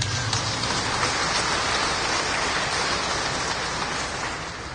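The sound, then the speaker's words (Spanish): A church audience in a parish claps together for Christ Jesus in a dense, steady wash of many hands, sustained for about five seconds with no voices, easing off slightly at the very end. “Dios les bendiga, sean bienvenidos, demos fuertes palmas a Cristo Jesús.”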